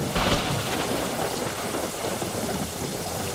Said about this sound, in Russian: Трах-так-так-так! Явственно отчеканивал гром, катился по небу, спотыкался и где-нибудь у передних вазов или далеко сзади сваливался со злобным отрывистым тра.